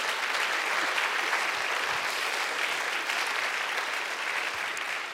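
Steady audience applause at a jazz festival after the opening piece, a dense wash of many hands clapping at an even, sustained level with no voices standing out.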